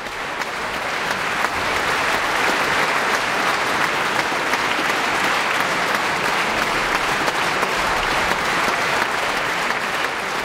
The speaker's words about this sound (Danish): Ja, der bliver jublet her fra publikum i Filharmonien i Warszawa. Det kan jeg godt forstå.